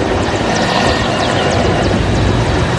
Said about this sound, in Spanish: Durante la jornada, helicópteros sobrevolaron distintos puntos de la zona, mientras camiones castrenses y personal naval se desplegaron para continuar con las prácticas que serán presentadas durante el acto conmemorativo.